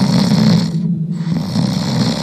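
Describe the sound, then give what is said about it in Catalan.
A voice imitates the loud, rumbling snore of a dragon sleeping in a cave at a summit: a long raspy snore, a brief pause, then another drawn-out snore. No words are spoken. “aleshores se va avisar que el drac dormia i que roncava molt fort.”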